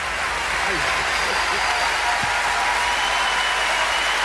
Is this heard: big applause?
yes